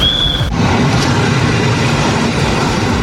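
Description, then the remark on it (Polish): A slow 'Nieśpieszny' passenger train in Poland rolls along the rails, a loud, steady low rumble throughout, with a thin high squeal in the first half-second before it cuts away. “Pociąg nieśpieszny, chodzi się z toru drugiego.”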